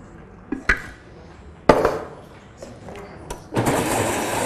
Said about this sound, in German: So, dann das restliche Wasser dazu.